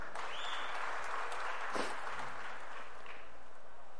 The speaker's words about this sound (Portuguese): Lucas Paquetá, Flamengo. O Paquetá foi uma aplaudida ainda, hein?